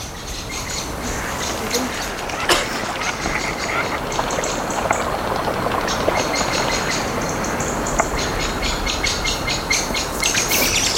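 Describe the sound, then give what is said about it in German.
A blackbird sings in repeated bright phrases over a constant rushing, engine-like background noise, the song partly masked throughout. “Oh, die Amsel.”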